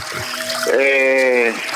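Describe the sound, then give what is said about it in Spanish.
A steady hiss of running water fills the whole moment, with a single sustained, slightly off-key sung note rising over it midway before fading back into the flow. “Y bueno, pero el agua lo está tapando, entonces.”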